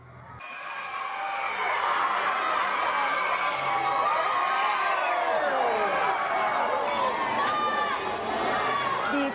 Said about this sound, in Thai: ครูนักเรียนโรงเรียนขจรเกียรติอินเตอร์จังหวัดภูเก็ตเนี่ยเขาไม่เรียนเขาไม่สอนกันเลยนะ เอาทุกคนก็ต้องมาเชียร ์มาเชียร์แล้วก็ลุ้นตอนประกาศกลางรางวัลนะคะก็ส่งเสียงเฮสนั่นเลยที่ได้แชมป์มีเสียงให้ฟังไหมคะ